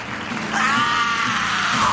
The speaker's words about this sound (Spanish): Buen grito, hermano.